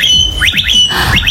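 A blackbird mimics an electric scooter with a run of quick rising, whistled sweeps, three in a row, then a second burst after a brief pause, over faint background rumble.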